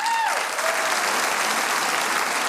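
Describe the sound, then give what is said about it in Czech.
Steady, dense audience applause at a packed concert in the cultural house in Čelákovice, Czech Republic, broadcast on radio, as the town's mayor comes on; it fills the whole stretch at an even loudness, a broad wash of many hands clapping at once with no voices standing out. “Dámy a pánové, já doufám, že takový potlesk sklidí i muž, který právě teď přichází.”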